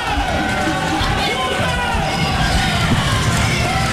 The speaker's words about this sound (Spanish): Es el sonido de los estadios.